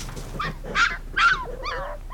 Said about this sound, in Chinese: 您的狗有点闹啊。